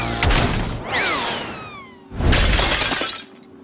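An antique porcelain piece shatters: a sharp crack, bright ringing tones from the breaking pieces, then a second loud burst of shards crashing and scattering. No one speaks.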